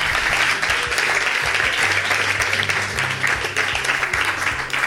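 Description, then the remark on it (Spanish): A church audience applauds steadily for the King of Kings, a dense wash of many hands clapping at a loud, even level, with a low hum of music or organ tones running beneath and no talking. “Le podemos dar palmas al Rey de Reyes, señores, señores.”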